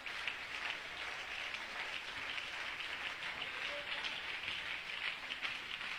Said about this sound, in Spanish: Dale un aplauso al Señor en esta noche.